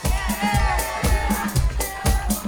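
A crowd applauds and cheers, with dense clapping and high whoops rising over a lively hubbub, close and fairly loud throughout.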